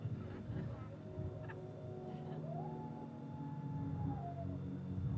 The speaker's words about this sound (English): Don't mind the coyotes.